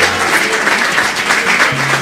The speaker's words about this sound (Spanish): Fuerte el aplauso para él también.